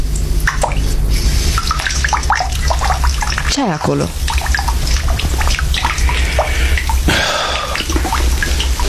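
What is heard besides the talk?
dripping water tap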